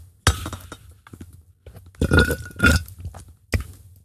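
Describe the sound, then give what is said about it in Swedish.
Wet slurping of water from a glass in several noisy bursts, with a sharp start, a longer gurgly stretch in the middle and a final quick slurp, no talking. “Sörpla lite i mitt vatten.”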